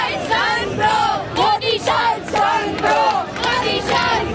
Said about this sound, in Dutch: Maar hier roepen jongeren weer om de naam van Rahul Gandhi.